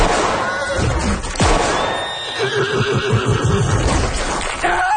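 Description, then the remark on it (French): A single sharp gunshot, fired at pursuers' horses rather than at people, cracks early on, followed by horses whinnying loudly and shrilly in close succession, with a busy, noisy background throughout. “sa politique personnelle étant de ne jamais tirer sur les gens, mais uniquement sur leurs chevaux”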